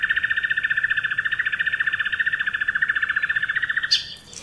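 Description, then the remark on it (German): A crane calls in one loud, sustained, rapidly pulsing trumpet-like trill lasting about four seconds, heard alone before it cuts off abruptly. “Und das ist Kranich, wenn du möchtest.”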